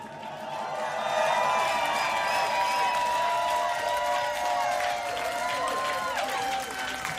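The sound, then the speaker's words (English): A live crowd cheers and shouts loudly, with clapping mixed into a dense, sustained roar of voices and high whoops that swells early and stays strong throughout. “Make some noise for yourself.”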